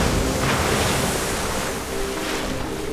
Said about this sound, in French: vent debout, mer de travers. Le bateau tangue et roule au gré de la houle.